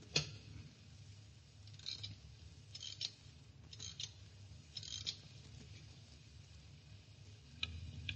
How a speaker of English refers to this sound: By your clock, Gabriel, but it seems to have stopped. So it has. It needs rewinding.